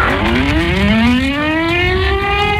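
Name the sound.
air-raid sirens wailing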